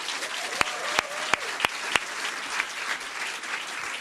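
An audience at a poetry event applauds a poet from Nuremberg, a steady, dense wash of clapping with a few sharp, louder claps standing out in the first two seconds, plus faint whoops, before the clapping continues evenly.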